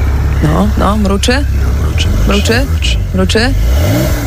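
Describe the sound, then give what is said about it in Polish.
A voice imitates the engine of a former president's new Porsche 911 starting and revving: several rising and falling vroom sweeps in quick succession, loud, with a steady low rumble underneath. “Mruczy. Pięknie, 911 Porsche.”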